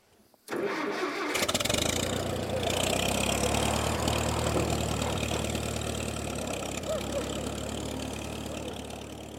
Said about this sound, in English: when I go to press this button down here that this old tractor starts.